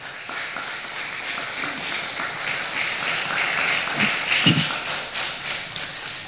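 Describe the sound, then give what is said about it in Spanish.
An audience applauds the Lord during a sermon, clapping steadily for several seconds, a dense, even wash that swells slightly toward the end before holding at a steady level. “Se merece un aplauso el Señor.”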